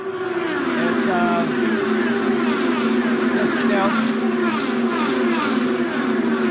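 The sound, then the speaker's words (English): A race car on a 2.5-mile oval track holds a loud, steady, droning engine roar at a constant low pitch throughout, with faint talk mixed in underneath. “He's now back out on the 2.5 mile oval.”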